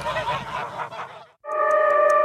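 Geese honking in loud, nasal bursts, a chattering flock cry followed after a brief pause by a sustained, steady honk, prominent with no talking.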